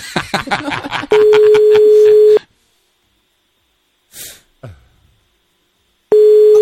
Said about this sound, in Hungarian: Még nem hallja, hogy csörög a telefon.